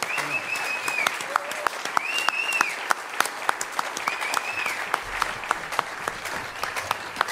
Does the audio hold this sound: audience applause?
yes